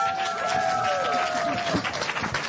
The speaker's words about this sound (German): Applaus, nicht den Schnaps.